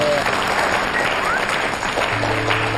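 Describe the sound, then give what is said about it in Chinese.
A large audience claps steadily and loudly for a few seconds to encourage a crosstalk comedy performer on stage, a dense, continuous wash of applause with faint voices mixed underneath. “你这个叮咚已经做得非常好了，掌声鼓励。”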